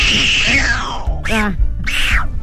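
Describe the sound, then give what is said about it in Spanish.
A voice imitates a duck, giving two nasal, buzzy quacks after a long falling whine. The quacks are loud and come in quick succession near the end. “¿Ese que le hizo como pato fue con la boca?”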